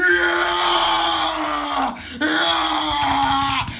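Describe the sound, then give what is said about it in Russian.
A voice imitates loud, strained yelling like someone grinding through a heavy squat in a gym: two long, sustained, effortful shouts separated by a brief breath, forceful. “Присед недавно слышал, вот работал так.”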